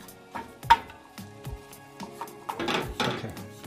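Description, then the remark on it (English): A utensil stirs thick turmeric paste in a pan, with irregular knocks and scrapes against the metal that build into a denser, louder scraping toward the end. No one speaks. “Okay, so my turmeric paste is starting to get a little dried out, so I'm going to be adding a little bit more water and stirring that in because I don't want it to get too thick.”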